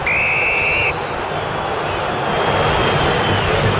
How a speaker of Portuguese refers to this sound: Vaias da Fiel para a atuação corintiana nessa primeira etapa.